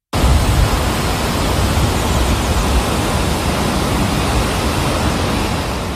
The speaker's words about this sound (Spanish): Así suenan las aguas del río Piedra precipitándose en una caída de 56 metros de altura en pleno corazón del Parque Jardín Histórico.